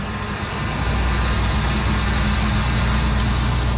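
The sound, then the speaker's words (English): A heavy industrial-traffic truck engine passes through the small town of Wells, in the foothills of the Cariboo Mountains. It rumbles with a deep, steady drone and a broad roar on top, staying loud throughout with no one speaking. “But the peace of this small town is increasingly being pierced by heightened noise, industrial traffic,”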